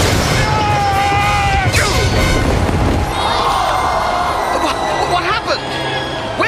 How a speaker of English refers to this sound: His chariot hit the turning post. He's been flung across the turn and into the path of the Jews' chariot!